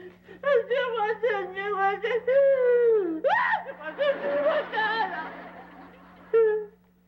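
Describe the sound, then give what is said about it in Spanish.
A boy cries and wails loudly in long, wavering sobs that rise and fall in pitch, breaking into choked, sputtering gasps before one last short wail. “Oye, …, ¿qué tienes? ¿Por qué lloras?”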